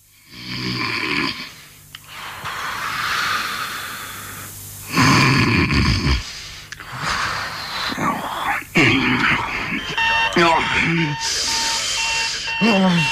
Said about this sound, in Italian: Cazzo, ma che la sveglia? Ma che ne so? E sei in mezza? Ma affanculo, sveglia de merda!